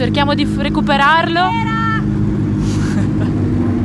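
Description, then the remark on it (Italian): A loud, steady engine drone rumbles throughout as race car number 39 arrives, with a person talking over it for the first couple of seconds. “Adesso arriva la macchina 39, cerchiamo di recuperarlo.”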